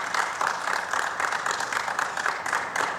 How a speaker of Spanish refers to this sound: Emocionado ahora o Lionel Scaloni. E aí recebe os aplausos lá na sala de coletiva.